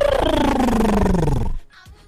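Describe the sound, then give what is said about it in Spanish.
A person imitates a goose with one loud, drawn-out, nasal honk that slides downward in pitch for about a second and a half, then cuts off into near silence. “¿Cómo es el sonido del ganso”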